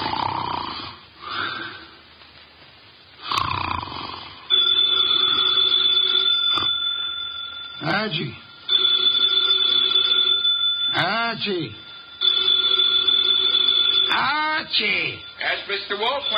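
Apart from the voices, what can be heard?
telephone bell ringing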